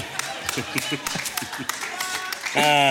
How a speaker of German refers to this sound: Klatschen auch nur drei Leute, ja.